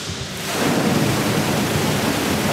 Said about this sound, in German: Es funktioniert. Aus 4 dicken Rohren strömt Wasser in die Tiefgarage. Hunderte Kubikmeter in wenigen Minuten. Was aussieht wie ein katastrophaler Rohrbruch, spart in Wirklichkeit Unmengen Wasser und Geld.